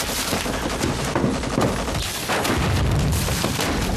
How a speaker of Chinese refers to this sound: 哪来的枪炮声？ 日军正在进攻郭万明方，打得很激烈。